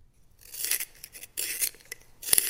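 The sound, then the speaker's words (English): A pencil being sharpened: three scratchy, raspy grinding bursts separated by brief pauses, fairly loud, with no talking. “Your pencil being sharpened.”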